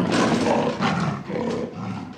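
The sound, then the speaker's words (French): A big cat roars loudly, a rough, rumbling growl that swells in several throaty surges over a couple of seconds with no talking. “Quand tu marches, tes pieds rugissent, quoi.”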